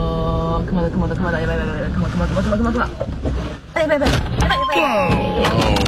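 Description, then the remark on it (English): A mother bear with a cub aggressively attacks a car in rural Japan, slamming against it in a few heavy, irregular thumps, mixed with a steady wash of voices and other sound, with loud bangs clustered toward the second half. “Aggressively attacking the car.”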